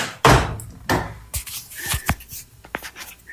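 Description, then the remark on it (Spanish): An old door in an old building creaks and scrapes as it is moved, with several rough knocking bursts and brief squeaky tones, and no talking. “No, es que le muevan esa puerta.”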